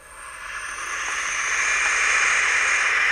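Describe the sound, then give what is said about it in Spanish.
Barn owl chicks hiss in a steady, breathy, rasping wash of sound that swells slightly louder over a few seconds, with no voices. “te voy a poner el sonido de los pollos y ahora me cuentas a qué te suena.”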